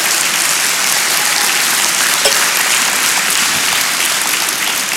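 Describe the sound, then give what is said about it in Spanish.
A crowd claps hands together as praise to the Lord in steady, sustained applause, a dense wash of overlapping claps that holds loud and even for the whole stretch with no voices standing out. “Dele palmas al Señor.”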